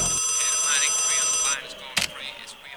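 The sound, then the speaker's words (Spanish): A bright, electronic telephone-style ringing sound effect announcing an incoming WhatsApp message plays for about a second and a half, then cuts off, followed by a short sharp click and faint background noise. “Ahí llegó el WhatsApp.”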